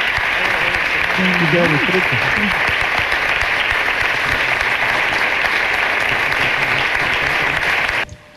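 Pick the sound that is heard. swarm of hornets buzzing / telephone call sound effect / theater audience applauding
theater audience applauding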